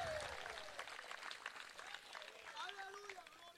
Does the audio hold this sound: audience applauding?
yes